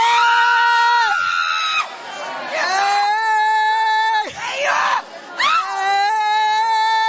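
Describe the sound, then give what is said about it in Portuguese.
A group of people scream and shout loudly during a deliverance prayer, crying for Jesus to burn Satan and the demon: overlapping high-pitched voices wailing with rising and falling pitch, almost continuous with a few brief breaks. “Se você gritar, Jesus manda fogo e queima!”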